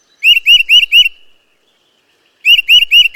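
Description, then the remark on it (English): A bird calls in two bursts of four quick, bright chirping notes, separated by a pause of near silence, with no voices. “I like to watch birds. I like watching their behavior, and I think their sounds are relaxing.”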